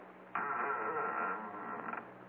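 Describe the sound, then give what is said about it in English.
A door at the head of a stair landing is pushed open, creaking in one long, strained groan, starting abruptly and wavering in pitch for nearly two seconds before trailing off, loud with no voices. “Okay, Sergeant, push the door.”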